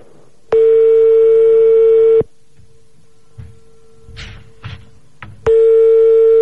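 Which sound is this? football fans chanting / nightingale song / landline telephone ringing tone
landline telephone ringing tone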